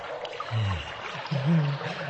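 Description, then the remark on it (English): Water trickles and runs from old rusty pipes that burst overnight in a morgue, flooding the floor, in a steady hiss with no break, while a couple of low, muffled murmurs rise briefly underneath it. “You see, our old rusty pipes just gave out on us last night, so the floor is full of water.”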